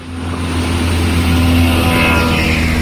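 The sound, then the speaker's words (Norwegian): A car engine runs loudly and steadily, with a rough, droning hum and a strained whine rising slightly near the end, a badly running car that would fail its EU roadworthiness approval. “Når du hører, hører vi en bil som ikke blir EU-godkjent.”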